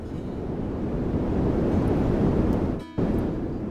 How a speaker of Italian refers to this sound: Questo, un frigorifero acceso nella stanza accanto. Un ronzio che non sai cos'è e che dopo un po' non sai da dove venga, ma poi non riesci nemmeno più a sentirlo bene.